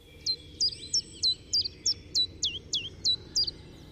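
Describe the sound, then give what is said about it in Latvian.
A common chiffchaff sings a steady series of about a dozen bright, high two-tone notes, evenly spaced, over a soft low background rumble. “Latvijā bija arī dabas koncerta zāle, iespējams, ka tā bija pati pirmā, kur suga bija čunčiņš.”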